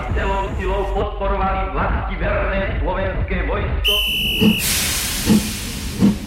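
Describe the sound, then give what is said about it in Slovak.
After a few seconds of indistinct murmuring voices, a steam train bound for Banská Bystrica, its carriages full of people, bursts in with a loud, broad hiss and a brief high whistle tone, then keeps hissing under slow, heavy chuffs. “Na druhý deň sme s otcom sedeli vo vlaku do Banskej Bystrice.”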